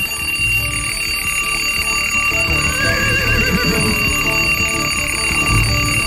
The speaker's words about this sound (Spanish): Levántese que ya cantó el gallo. Hágale pues, a ver, que ya sonó la alarma.